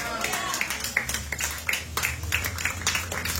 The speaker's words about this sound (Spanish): Dale una ofrenda de palmas fuertes a nuestro Dios, iglesia. A su nombre.